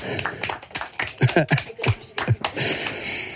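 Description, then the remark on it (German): A small group of children in a studio clapping for themselves after playing bears, in quick, uneven bursts of applause, the claps overlapping into a lively patter for a few seconds, with faint voices mixed in. “Mega gute Bären gsi, bravo. Applaus für euch selber.”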